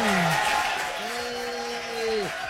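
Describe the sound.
An audience applauds in a steady, dense wash of clapping, with a voice letting out a long, drawn-out call over it before the applause fades.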